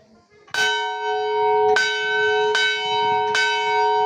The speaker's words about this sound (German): Seit mittlerweile fast 300 Jahren tragen die Glocken des Klosters St. Peter und Paul ihre Klänge über die grünen Hügel des Südlibanon.